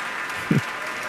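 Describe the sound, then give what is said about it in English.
Steady, dense clapping from seated orchestra members for the pianist after Mozart's Piano Concerto No. 27, a continuous even wash of applause with one brief low thump partway through. “I can say the members of the orchestra are seated and they are clapping, letting him soak it in all by himself.”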